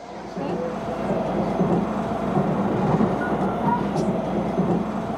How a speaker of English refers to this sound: We're on the train, finally on our way to meet Joe.